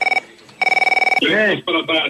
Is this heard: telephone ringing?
yes